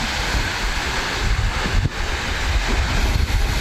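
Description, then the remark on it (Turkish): Steady rush of wind buffeting the microphone over the choppy water of Lake Van in Ahlat, Bitlis, Turkey, with wind-driven waves washing continuously; a broad, noisy roar with no voices. “Bitlis'in Ahlat ilçesinde arkadaşlarıyla birlikte Van Gölü'ne giren bir kişi, rüzgarın etkisiyle oluşan dalgalar nedeniyle kıyıdan uzaklaştı.”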